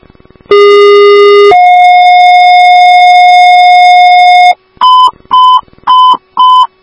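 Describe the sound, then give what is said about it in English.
Loud two-tone dispatch page for Woodbury fire station 3F and Woodbury Ambulance 3, sent for an ALS call at St. Therese, 7555 Bailey Road: a lower steady tone for about a second, then a higher tone held for three seconds, followed by four short, evenly spaced beeps. No talking. “Woodbury Station 3F, Woodbury Ambulance 3, hear your tones for St. Therese, 7555 Bailey Road, apartment 2030 for an ALS 6.”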